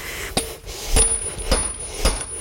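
A horseshoe being fitted: four sharp metallic hammer taps at a steady, unhurried pace, each leaving a thin high ring, with no talking over them.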